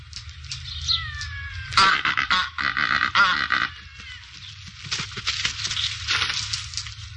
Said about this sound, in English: The Cape Barren Goose.